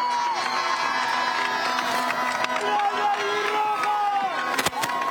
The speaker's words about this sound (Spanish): Y pido un fuerte aplauso para todo este gran grupo que representó a nuestro país.